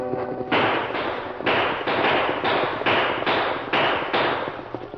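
A rapid volley of about ten loud, sharp gunshots fired by outlaws riding out of the brush, shooting over people's heads to stop wagon horses. The shots come in a steady rhythm roughly twice a second, each crack trailing into a brief rumble, with no voices.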